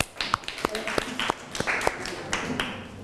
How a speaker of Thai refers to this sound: เชิญตัวแทนนักเรียนได้เลยค่ะขอเสียงปรบมือให้เพื่อนหน่อยค่ะ